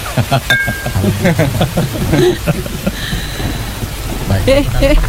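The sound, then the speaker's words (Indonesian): Steady heavy rain pours throughout with a low rumble of thunder rising underneath, while voices talk over the downpour. “Hujan begini enaknya minum kopi.”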